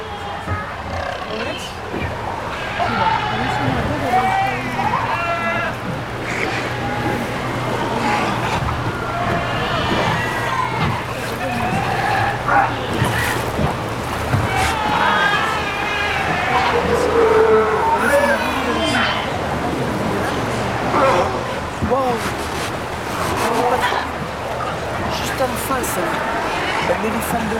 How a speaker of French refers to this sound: grande concentration de lions de mer de Lille. Vous allez les entendre.